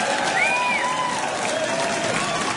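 A concert audience in Florida applauds the band's drummer, clapping steadily and densely throughout, a continuous wash of applause at even loudness, with a brief whistle-like tone rising and falling over it early on.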